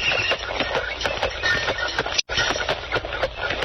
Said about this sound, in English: In the year 1896, milk was delivered in a horse-drawn milk wagon.